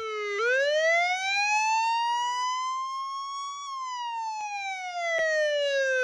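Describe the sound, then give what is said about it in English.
An ambulance siren wails loudly as the ambulance arrives, its tone sweeping slowly upward for a few seconds and then gliding back down, with no voices present. “It wasn't long before the ambulance arrived.”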